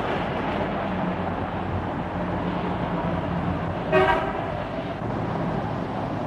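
Steady rumble of dense road traffic fills the scene, broken around the middle by one short, loud car horn toot standing out clearly above the engine noise.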